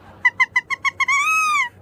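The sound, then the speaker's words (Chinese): Owl-like hooting: six short, evenly spaced hoots followed by one long, sustained hoot that rises slightly and falls, loud and close, with a bright reedy tone and no talking. “猫头鹰，哎呀 想起来了， 太好了，太好了， 都猜对了， 都猜对了”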